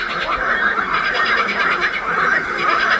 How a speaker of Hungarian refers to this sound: A következő a zöld varangy hangja lesz.